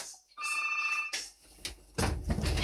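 A telephone on the RRI Kupang radio call-in line rings once in a short, bright electronic trill, fairly loud, followed by clattering handset noise and a rush of line hiss.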